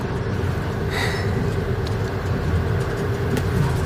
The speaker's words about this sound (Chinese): 这火车开得可真快。